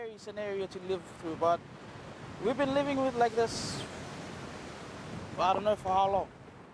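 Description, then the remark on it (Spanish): A steady roar of ocean surf and gusting wind along a shoreline, continuous throughout, with people talking intermittently over it. “A veces hay olas que llegan hasta aquí arriba. De hecho, vienen de ambos lados.”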